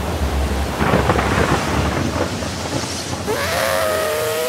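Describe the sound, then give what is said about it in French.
A steady roar of heavy, endless deluge rain pours down, broad and constant, with deep rumbling underneath like thunder and a faint rising whine near the end. “La pluie est sans fin.”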